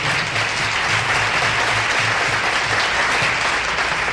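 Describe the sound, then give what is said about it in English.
A crowd applauds the orchestra and piano players steadily, a dense wash of clapping hands that stays loud and even throughout, with no pauses and no voices standing out. “We'd like to share that applause with our orchestra and our piano players.”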